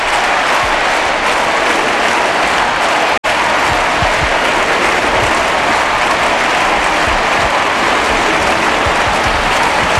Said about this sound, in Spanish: Escucha, en el Estadio Olímpico. Escucha el sonido en directo del Estadio Olímpic Lluís Companys en Montjuïc, Barcelona. Escucha, no hay palabras.